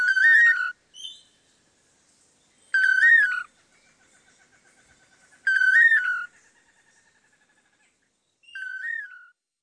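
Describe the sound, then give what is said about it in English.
A duetting pair of long-tailed manakins sing their toledo song, a repeated liquid, whistled three-note phrase, clear, about four times at regular intervals with brief pauses and a faint trailing tone in between. “Researchers have estimated that the dynamic duo may perform their Toledo song up to 5,000 times in one day.”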